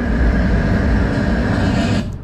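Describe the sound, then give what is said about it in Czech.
A steady, loud low rumble with a broad hum of an approaching tram, played from a loudspeaker to simulate a tram arriving from a distance with the sound growing louder; it was heard at about 43 metres. It fills the whole stretch before dropping off slightly at the end. No one speaks. “Teď jsem zvedl ruku, protože jsem slyšel hukot, jak se blíží tramvaj.”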